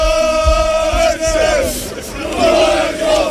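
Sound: football supporters cheering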